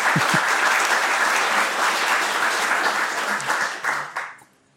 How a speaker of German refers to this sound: Ja, gerne Applaus.